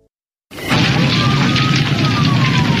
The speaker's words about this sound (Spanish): ¡Pronto! ¡Llama a los bomberos! ¡La casa de enfrente se está incendiando!